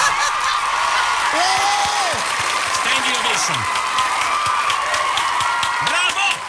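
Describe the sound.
Sustained applause from a crowd giving a standing ovation, dense steady clapping throughout with scattered whoops and cheering voices rising above it.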